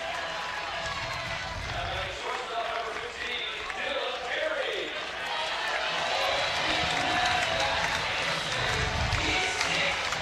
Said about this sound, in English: Jeter bloops one into center, and Dylan Carey will walk to the plate. And hopefully this crowd gives him the ovation that he deserves.